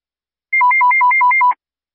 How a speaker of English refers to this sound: Mott has my headset back. Let me try some test tones real quick